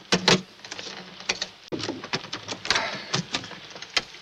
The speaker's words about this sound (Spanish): Estos cajones están cerrados con llave. ¡Fuérzalos! Sí, jefe. Fuerza la cerradura con una navaja.